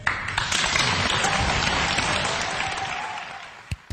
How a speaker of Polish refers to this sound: Bijemy brawo.